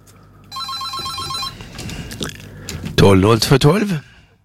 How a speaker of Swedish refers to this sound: Nej, det är någon som ringer här för att visa att telefonlinjen fungerar. Så det ska vi vara glada för.